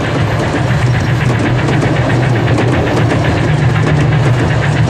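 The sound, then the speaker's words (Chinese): A train engine rumbles loudly and steadily as the train arrives at a station, its deep low hum overlaid with a regular chugging pulse that keeps an even rhythm throughout, with no voices. “火车已到站，你们立即上车寻找美惠子小姐，请她马上下车。”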